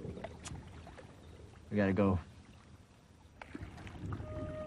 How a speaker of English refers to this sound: A rowing boat with … and … making their way back across the creek. It started to pour with rain.